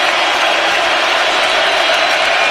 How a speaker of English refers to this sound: Crowd getting into it.